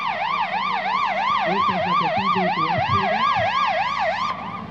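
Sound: fire engine siren arriving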